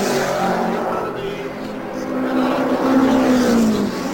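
A Cooper Climax race car, the only rear-engine car on the track, from the Cooper factory in Coventry, England, driven by world road racing champion Jack, roars steadily for about four seconds, a loud droning whine whose pitch rises and swells near the end, over a broad wash of rushing noise.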